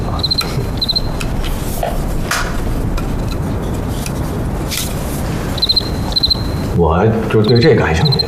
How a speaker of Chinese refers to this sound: 我，哎，不好意思啊，我就对这感兴趣。哎， 蛐蛐， 哎， 来来来，我看看，我看看。 哎呀，这玩意好玩，那玩起来可着迷啊！